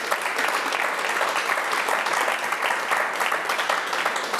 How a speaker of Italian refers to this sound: Un applauso a questi angeli.